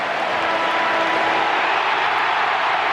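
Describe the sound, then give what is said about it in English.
A large stadium crowd at a Fremantle match against the Hawks roars in cheers, a dense, loud, unbroken wash of voices that holds steady throughout, with no single speaker standing out. “This crowd is about to erupt.”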